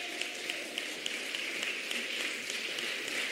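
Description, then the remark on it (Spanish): An audience at a Spanish-language worship service applauds in praise of God, a steady wash of many hands clapping at once with occasional sharper claps standing out, sustained at an even, moderate level with no voices on top. “Usted canta eso, usted aquí lo siente, salta, alaba, aplaude, usted se regocija porque es una verdad que vivo.”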